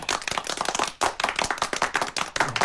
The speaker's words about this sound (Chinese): 随着小 K 和蝴蝶一个漂亮的亮相，婉转的舞曲戛然而止，随后便迎来了极为热烈的掌声。